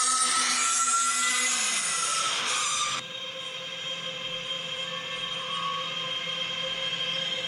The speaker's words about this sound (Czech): Já tady mám jedno datacentrum z Massachusetts a z Ameriky, a ten zvuk já vám pustím tak jako z mobilu, abyste měli jen tak jako zhruba představu, jo? Jak to zní?